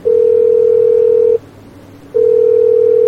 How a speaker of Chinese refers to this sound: 嘿，不接电话啊？怎么不接电话？ 再试一次。 你对对，再试一次。 好嘞。 还不接，我们观众朋友都等着呢，他不接怎么办？